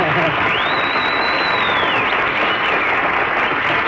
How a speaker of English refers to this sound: That was something. You wouldn't dare stop that applause.